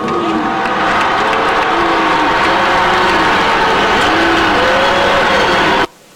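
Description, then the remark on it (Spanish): A crowd applauds loudly while drawn-out boos rise and fall through the noise, at a report event led by President Claudia Sheinbaum, as San Luis Potosí governor José Ricardo Gallardo Cardona is introduced. The dense, steady roar lasts about six seconds, then cuts off abruptly. “No, bueno, pues hasta le cambia la cara nada más escuchar algunos aplausos y algunos buzz.”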